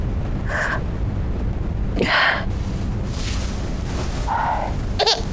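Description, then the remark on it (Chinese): A baby cries in short, wavering wails, four bursts with brief pauses between them, moderately loud over a low background rumble. “哟，宝宝，乖宝宝，不哭啊，不哭，宝宝。”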